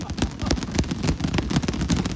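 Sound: clapping with boxing gloves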